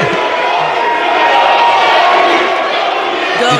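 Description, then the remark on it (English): A crowd of Knicks fans chants and shouts together in the hallways as they leave the game, a dense, steady roar that stays loud and unbroken, echoing. “They're literally just, like, chanting in the hallways.”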